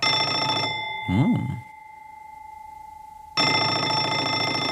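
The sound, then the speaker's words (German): A telephone bell rings in two loud bursts separated by a short pause, with a brief warbling tone in between and no voices, on the Radio Kärnten Kaffeepause call-in show. “Telefon.”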